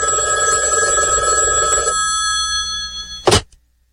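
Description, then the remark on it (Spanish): A telephone rings with a steady electronic bell tone for about two seconds, then a brief loud click as the receiver is picked up, followed by silence. “pendientes con ese teléfono, rapidito con ese teléfono, ¿verdad?”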